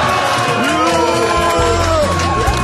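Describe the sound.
A large crowd boos and jeers loudly, a dense, continuous wall of voices with overlapping shouts and calls that holds steady throughout.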